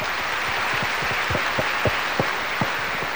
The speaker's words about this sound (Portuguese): Receba também a nossa gratidão já com as nossas palmas.